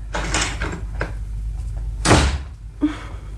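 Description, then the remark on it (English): A heavy front door swings shut with a loud, solid thud as a man abruptly leaves, preceded by light handle and latch rattles and followed by a small knock. No talking. “Thought I hit the front door.”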